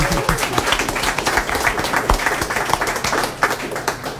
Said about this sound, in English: And if you're not tired of clapping, and you shouldn't be, give yourselves and everybody else a wonderful hand.